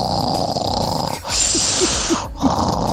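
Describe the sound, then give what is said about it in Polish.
A voice imitates a Polish highlander-style whistling snore, a breathy hiss with a high whistle on the inhale, then rough growling sounds toward the end, fairly loud. “Tak zagwiszcz chrapiąc, tak na końcu z takim... To albo możesz jeszcze z takim warknięciem, bardziej byś miała pewność, że go obudzisz.”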